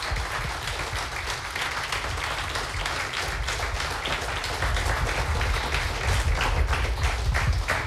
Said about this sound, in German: Noch einmal einen großen Applaus für alle Finalisten. Bitteschön.